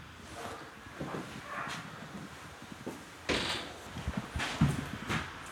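A door is handled and shut, with a few knocking and clattering thumps that grow louder toward the end, with no one speaking.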